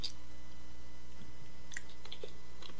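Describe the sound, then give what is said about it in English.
Quiet mouth sounds of someone slurping a sip of water, a few soft wet clicks and a small slurp spread over a couple of seconds, with no talking and a low steady hum underneath. “A little slurp of water.”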